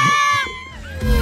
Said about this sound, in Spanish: Mira lo que grita la gente, mira. El cuero de pericote. La gente lo está gritando, mira, escucha.